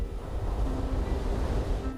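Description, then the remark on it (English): Waves wash steadily onto a beach in a continuous, rumbling roar of surf, with a gusty, wind-like hiss over the top and no voices. “His work begins on the beach.”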